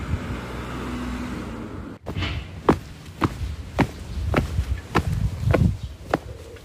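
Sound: footsteps walking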